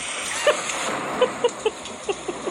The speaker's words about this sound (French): La toux, la fièvre, la migraine totale, 5 jours de déluge et du froid. Écoutez, c'est la pluie en Crète.